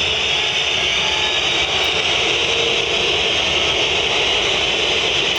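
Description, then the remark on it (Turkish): A stadium crowd at a Trabzonspor football match whistles loudly and without pause, a dense, piercing wall of sound that holds steady and unbroken for several seconds with no voices standing out. “Muçi kulakları sağır edecek bir ıslık.”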